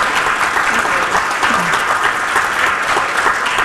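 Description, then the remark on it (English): Sustained audience applause for a Palestinian woman writer, a dense, steady wash of many hands clapping at an even loudness throughout, with no speech standing out above it. “Another round of applause for an incredible Palestinian writer, woman.”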